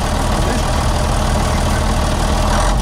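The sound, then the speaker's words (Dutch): The engine of Henk Wijngaard's own yellow truck rumbles steadily at a constant idle, loud, with dense low-end throb and no voices over it. “Dan komt Henk Wijngaard in zijn eigen truck voorbij rijden.”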